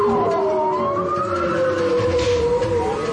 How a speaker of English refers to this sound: We're listening to the underwater sounds of bowhead whales recorded off the coast of Alaska. For the first time, scientists are using sounds to take a census of these animals.